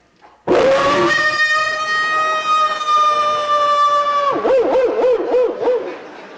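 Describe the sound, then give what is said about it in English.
A voice imitates a big Alaskan wolf's baying howl into a microphone on a cold night: one long, loud, steady held note for about four seconds, then breaking into a rapid wavering warble before fading out. “I gave him the sound of a big Alaskan baying wolf.”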